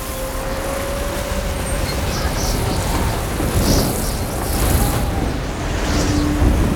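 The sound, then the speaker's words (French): A fierce storm roars steadily, with dense horizontal rain hissing and heavy wind rumbling low throughout, loud with occasional surges in intensity and no voices. “Mais le jour venu, la tempête ne faiblit pas. Le vent souffle avec la même rage. Une pluie horizontale fouette les visages.”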